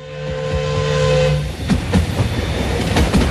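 The whistle of the Calais-Paris-Berne steam express sounds a steady, sustained tone for over a second as it emerges at full steam from a wood near Zollikofen station on 17 August, then gives way to a loud rumbling roar with rhythmic clattering wheel beats as the express rushes through.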